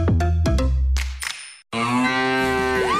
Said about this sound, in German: Finde die letzte Muhende Müllermilchflasche und gewinne 50.000 €